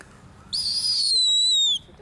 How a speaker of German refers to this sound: Guck mal, kann sogar noch piepen, obwohl er eine Maus in den Schnabel hat.